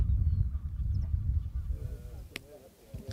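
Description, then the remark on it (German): Honking calls of seabirds in a bird sanctuary on a national park island, heard from over the dune edge, sound in a steady chorus over a low, rumbling wind-like background, with a few sharper calls standing out near the end. “Besucher wie wir dürfen nur den südlichsten Zipfel der Nationalparkinsel betreten und einmal kurz über die Dünenkante ins Vogelparadies gucken.”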